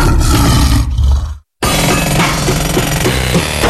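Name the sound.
lion roar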